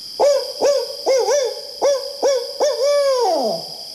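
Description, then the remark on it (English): A human voice imitates a barred owl's call: a rhythmic run of short, rising hoots ending in one long, drawn-out hoot that slides downward, clear with no other sounds. “After learning this story, I was inspired to learn this hoot myself, in homage to Tubman.”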